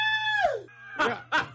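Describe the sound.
A person vocally imitates a high-pitched scream, a sustained shrill wail that slides downward, followed by two short loud yelps.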